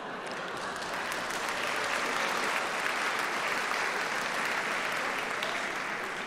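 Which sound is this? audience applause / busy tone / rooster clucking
audience applause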